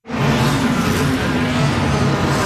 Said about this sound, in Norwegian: Det er lyden av verdens raskeste Formel 1-biler, men forrige søndag i Malaysia ble det helt stille, og flere av bilene stoppet helt opp bak sikkerhetsbilen etter tekniske problemer.